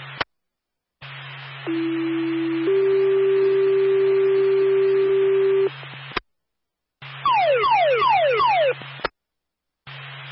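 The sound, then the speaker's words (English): A two-tone fire dispatch alert for Claremont Fire plays, calling a response to a sounding fire alarm: a steady low tone, then a longer higher one, followed by a rapid series of five falling sweeps, all over a radio hum with brief dropouts. “Fires in my first tone. Alarm sounding.”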